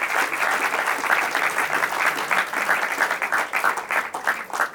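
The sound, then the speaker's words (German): Sustained audience applause for the two finalists of a quiz show, a dense wash of many hands clapping steadily at a fairly loud level throughout, with no voices rising above it. “Ein großer Applaus trotzdem für unsere beiden Finalisten.”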